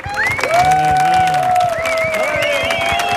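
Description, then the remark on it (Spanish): A crowd claps and cheers loudly and steadily throughout, with drawn-out whistles and shouted voices rising above the dense applause. “Fuerte el aplauso para Mark Lenders.”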